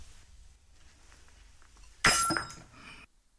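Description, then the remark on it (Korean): A wine cup drops and hits a hard floor with a sudden bright metallic clang, ringing and rattling for about a second before cutting off, over a low murmur of room noise. “챙그랑하고 려석연의 술잔이 구두로에 떨어졌다”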